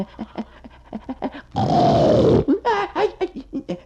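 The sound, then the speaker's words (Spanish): A gorilla lets out a loud, rough, raspy grunt lasting under a second, followed by several shorter harsh grunts, with softer low pulses leading up to it. “Ay, virgen de man, supucagua, ¿y eso qué es? Es el gorila, hombre.”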